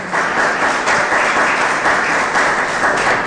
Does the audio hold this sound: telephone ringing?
no